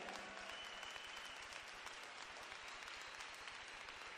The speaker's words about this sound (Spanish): Démosle un aplauso al Señor en este día.